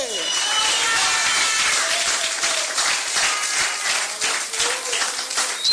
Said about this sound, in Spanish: Ese aplauso a Cristo, a su nombre.